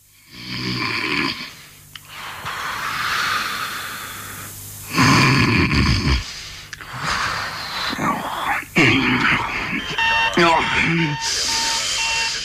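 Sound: alarm clock beeping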